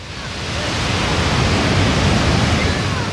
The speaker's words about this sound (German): das Rauschen im Hintergrund ist keine defekte Wasserleitung, nein, es ist Mutter Natur pur.